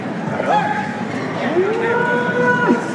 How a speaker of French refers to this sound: Le taureau était exactement entre le tauril et le patio des quadrilles. Patio des cavalos. Il meugle. L'animal.